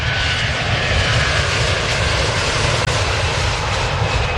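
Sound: airplane flying overhead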